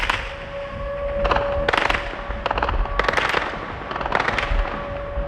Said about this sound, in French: En plein jour, hier, un drone ukrainien passe à basse altitude au-dessus du port. Les défenses antiaériennes ne le touchent pas.